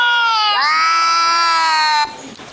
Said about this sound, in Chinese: 如果播放两猫相遇炸毛的叫声，翻译器又说起了人话。